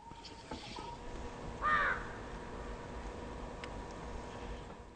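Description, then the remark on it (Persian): A single harsh crow caw rings out once, fairly loud, against a steady low outdoor hum, with a couple of faint clicks before and after and no talking; crows eating the meat left on the ground after vultures have fed on a carcass. “بعد از این که لاشخوارها سیر شدند، چیزی که از اینها به جا می‌ماند، آن را زاغ‌ها می‌خورند.”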